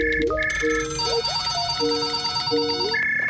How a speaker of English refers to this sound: But instead, the phone kept ringing.